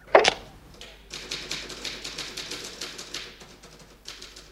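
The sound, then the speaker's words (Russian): A typewriter clatters as a note is typed up to be posted, a steady run of quick, sharp key strikes, opening with one louder clack before settling into continuous rhythmic typing at moderate volume, with no voices. “Отстучи на машинке и развесь на видном месте.”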